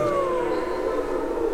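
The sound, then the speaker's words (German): Wolves howl in long, overlapping wails that slowly slide downward in pitch, sustained and fairly loud throughout, with no talking. “Wölfe.”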